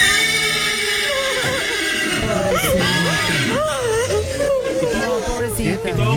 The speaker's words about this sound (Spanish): A mí lo que me rompió el corazón, muchachos, fue el relinchido de la yegua, ¿no? Cuando se acercan.